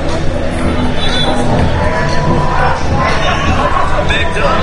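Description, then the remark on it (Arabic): A dense, loud crowd of football fans fills the World Cup fan zone in Houston, Texas, with continuous babble and scattered shouts, a steady roar of some 7,500 fans' voices with occasional cheering rising out of the hubbub. “نعم هنا من منطقة الجماهير في مدينة هيوستن، قبل ساعة تقريبا فتحت هذه المدينة أبوابها للجماهير، وطبلة، والآن تمتلئ هذه المنطقة بالجماهير، 7500 مشجع في هذه المنطقة، هذه المنطقة الداخلية في منطقة الجماهير.”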